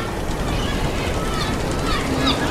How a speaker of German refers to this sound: Wir haben es geschafft. Das Boot bewegt sich. Die Insel liegt hinter uns.